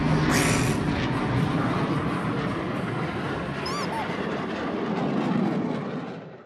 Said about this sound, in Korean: 우람차 엔진 소리야!